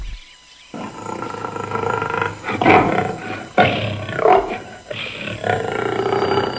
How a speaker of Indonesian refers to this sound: Waduh, tuan. Suara apa tu? Apa? Kalau tidak salah tu suara harimau, tuan. Ya, hamba takut, tuan.